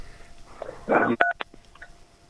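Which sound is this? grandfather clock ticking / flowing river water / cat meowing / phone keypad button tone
phone keypad button tone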